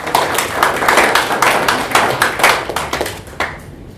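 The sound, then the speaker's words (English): An audience claps for the speakers on the Radio Baraza program Deliberations, a dense run of overlapping sharp hand claps that stays steady and fairly loud before thinning out near the end, with no voices heard. “So we can clap for them.”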